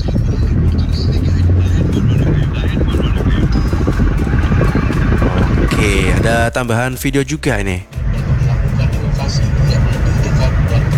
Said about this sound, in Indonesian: Oh, kepadatannya memang didominasi oleh roda 2 dan juga truk kawan ya, baik dari truk kontainer maupun juga truk bak terbuka. Kalau dari dokumentasi sih nggak kelihatan ada truk tebu ya di sore hari ini di sekitaran Jalan Marta Dinata.